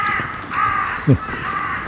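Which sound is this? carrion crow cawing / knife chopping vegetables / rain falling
carrion crow cawing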